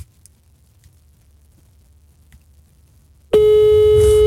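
Near silence gives way, about three seconds in, to a loud, steady electronic phone ringing tone as a call is placed to a colleague on a phone; it starts abruptly and holds unbroken until the end.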